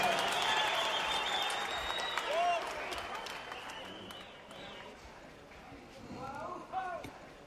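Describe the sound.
A crowd bursts into steady, dense applause that gradually thins and fades, with a few whoops and shouted voices rising over the clapping near the end.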